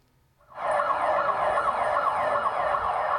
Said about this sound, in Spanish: Así han sonado las alarmas para avisar a la población del seísmo en ciudades como Bogotá, la capital de Colombia. Está a más de 500 kilómetros del epicentro